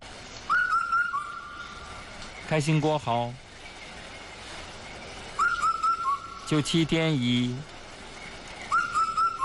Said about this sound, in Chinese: 你看，你看，全对上了吧？这不是全对上了吗？这是什么鸟啊？这是四声杜鹃啊！